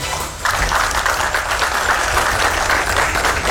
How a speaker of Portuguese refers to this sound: Sob aplausos, mulher resgatada depois de 42 horas à deriva no mar, recebe alta do hospital no litoral paulista.